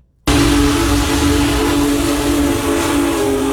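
The Union Pacific Big Boy, the world's largest operating steam locomotive, blows one long, steady, low-pitched whistle over the loud, continuous rumble and hiss of the engine as it passes through Hancock and Putnam counties. It cuts in abruptly after a brief silence, with no voices.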